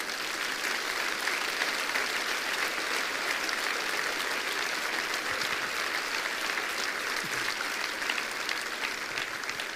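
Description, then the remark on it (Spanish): A church audience gives a round of applause to the Lord, clapping steadily for about ten seconds: a dense, even wash of clapping hands at constant loudness with no voices standing out. “¿Cuánto le da un aplauso al Señor, hermanos?”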